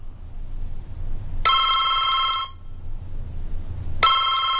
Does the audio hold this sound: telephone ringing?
yes